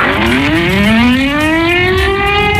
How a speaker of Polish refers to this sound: Przejmujący, ale jednocześnie symboliczny i ważny dźwięk syren co roku wybrzmiewający w godzinie W, czyli o 17:00, i przypominający o rocznicy wybuchu Powstania Warszawskiego.